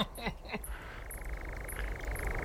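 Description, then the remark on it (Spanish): A roe deer barks twice in quick succession, short and hoarse, then a steady, rapid croaking trill carries on underneath through the rest of the quiet clip. “Y aquí el ladrido de un corzo, ya lo oímos la semana pasada.”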